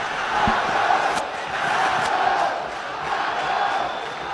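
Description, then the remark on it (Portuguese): A large football stadium crowd at the Aflitos roars and shouts continuously at the referee, a dense wall of angry voices jeering and yelling from the stands, steady and loud throughout with brief sharp spikes of louder cries. “Com a torcida botando para torar em cima dele.”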